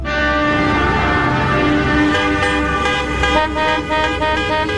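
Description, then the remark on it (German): A loud, sustained car horn blares continuously for several seconds, its steady tone ringing over a low rumble of traffic, with no voices. “Die Hupe ist schon ein dolles Ding.”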